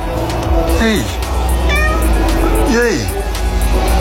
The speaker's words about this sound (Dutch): Nou, het was een iets minder gezellige kat. Kat was een beetje boos, maar je raadt het nooit. 2 uur geleden. Hij had een spontane ontmoeting met nog een kat. Die was ook boos.